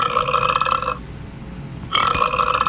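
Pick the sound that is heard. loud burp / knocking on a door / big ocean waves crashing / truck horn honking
loud burp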